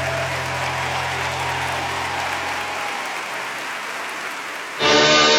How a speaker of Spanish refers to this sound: Alguien de ese aplauso más fuerte al rey.